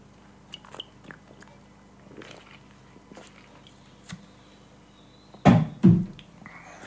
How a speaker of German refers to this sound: Jetzt trinke ich mal einen Schluck von meinem Mineralwasser, weil im Studio ist alles andere verboten.